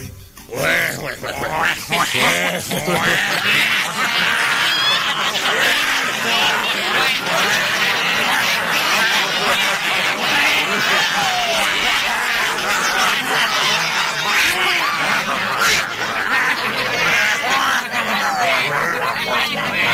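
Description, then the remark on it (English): A dense, noisy chorus of many ducks quacking over one another, loud and constant for the whole stretch, with no pauses and no clear single voice standing out. “Yes, the sounds of slop buckets quacking out there in Radio Land”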